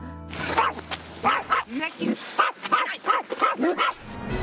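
A dog stressed on a camper trip barks and yelps in a rapid, excited string of short bursts, with some whiny tones mixed in, after a brief low rumble at the start.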